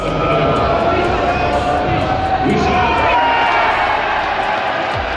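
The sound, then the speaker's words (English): A large crowd of England football fans at Dicast in Manchester cheers and celebrates as the final whistle blows on England's 2-1 win against DR Congo, a loud, continuous roar of shouting voices and whoops that holds steady throughout, with no single voice standing out. “Fans at Dicast in Manchester, they're celebrating as the final whistle was blown, with England coming out 2-1 winners against DR Congo.”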